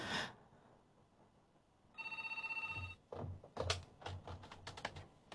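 A telephone bell rings in one continuous burst lasting about a second, loud, as a caller phones in to join a radio broadcast, followed by a series of sharp, rapid clacks like keys being struck.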